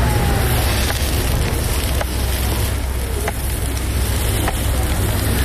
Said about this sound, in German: Was da brutzelt, sind aber nicht Würst oder Halloumi, sondern Herdöpfel, ganz gewöhnliche Herdöpfel. Der Herd da steht auf dem Bürkliplatz und das Brötchen von diesen Herdöpfel ist Teil vom Festival The Zurich Archipelago.